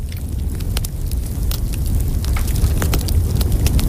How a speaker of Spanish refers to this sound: Fuego. Ese está muy guay. Una hoguera. Una fumata. Sí. Cayendo chispas de la fogata.